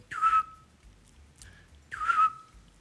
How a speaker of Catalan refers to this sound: És dels meus ocells preferits, sí, sí, eh? El xot. A la nit el sento.